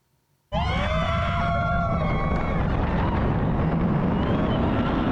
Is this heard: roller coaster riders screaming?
yes